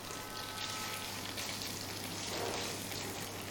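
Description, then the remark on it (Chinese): Dried tofu sizzles and crackles steadily as it is stir-fried over high heat in a hot wok with leftover base oil, a dense, continuous hiss with rapid popping, with no talking. “好，我们在炒香干的时候，因为我锅里已经有底油了，这个时候要调成大火来爆炒。”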